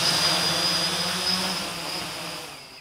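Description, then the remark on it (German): A small drone on a test flight inside a cage at a drone testing site in Braunschweig whirs steadily with a high, buzzing motor whine and a thin pitched tone on top, holding level before easing off slightly at the end. No one speaks. “auf den Rechner bringen, testen im Labor und dann schnell hier im Käfig einfach gefahrlos Probe fliegen”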